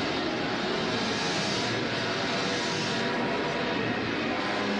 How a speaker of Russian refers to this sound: Подбитый самолет падает на хутор, врезаясь в одну из крайних хат.